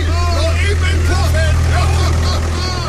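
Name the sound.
tractor engine driving off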